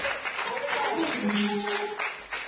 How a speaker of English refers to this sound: Come on and clap those hands, all you people.